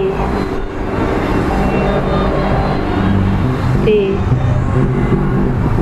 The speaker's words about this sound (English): The airplane. The airplane.